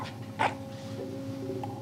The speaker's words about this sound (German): Und zweitens, dieser Hund hat so gewinselt. Der brauchte einfach ein bisschen Zuneigung.